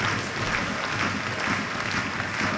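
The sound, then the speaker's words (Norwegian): A crowd at a match applauds steadily as player Jens Hjertedal, who had just received the captain's armband, is substituted off the pitch, a dense wash of clapping from many hands that stays even and sustained throughout, with no voices standing out. “Jens Hjertedal klappes av banen, som akkurat mottok kapteinspinnet.”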